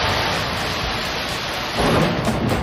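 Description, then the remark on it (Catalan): Heavy rain pours steadily during a storm in Sitges as a deep rumble of thunder swells up near the end, loud, with no voices. “Amb aquests trons que també van afectar, en aquest cas, a Sitges i moltes zones del país, unes pluges que van provocar també fortes afectacions al Prat.”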